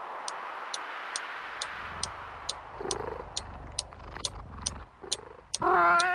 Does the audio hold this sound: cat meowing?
yes